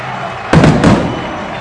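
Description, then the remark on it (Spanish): Two booming firework explosions burst in quick succession at the end of a football match, each rolling off into a rumbling decay, over a steady background murmur like a crowd. “Se vienen los fuegos artificiales por ahí”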